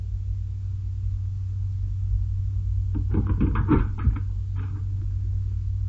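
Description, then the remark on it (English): A rapid flurry of heavy thumps, like someone pounding on a door, lasting about a second and a half over a steady low hum, then a couple of fainter knocks trailing off. “we break down the door.”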